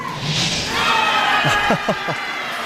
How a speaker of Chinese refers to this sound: 这声欢呼啊，是刚才德罗普金又一次秀一下自己的肱二头肌。